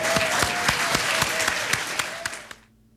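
An audience at the Galileo 30 Symposium applauds the event's organizer with dense, steady clapping and a few sharper individual claps standing out, fading out abruptly after about two and a half seconds.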